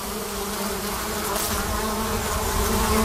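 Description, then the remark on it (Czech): Steady, dense buzzing of many honeybees at a hive entrance, a continuous hum with faint shifting tones as bees come and go, carrying things inside, no voices. “Tak, já zkusím zachytit to jemné bzučení.”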